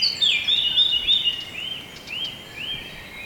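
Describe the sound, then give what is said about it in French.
Several birds sing at once in a continuous chorus of high, overlapping whistles and chirps, with no voices. “Et à ce concerto d'oiseaux.”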